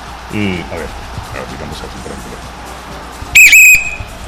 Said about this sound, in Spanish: Muy bien, amigos, el árbitro hace sonar el silbato. En este momento empieza este gran partido.